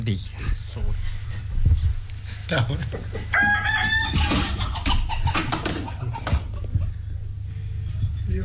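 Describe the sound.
Hens cluck in a busy barnyard while a rooster lets out a loud, strained crow partway through, with people talking underneath.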